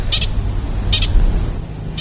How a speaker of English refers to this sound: Hear that? That's a pika. Pika. That's an alarm call.